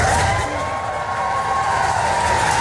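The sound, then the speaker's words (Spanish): A crowd applauds and cheers outdoors at the doors of the British prime minister's residence on Downing Street, London, as the Ukrainian president is received by the Royal Guard; a steady dense wash of clapping and raised voices, with a faint sustained whistle-like tone running through. “Zelensky ha sido recibido por la Guardia Real y con aplausos a las puertas de la residencia del primer ministro británico”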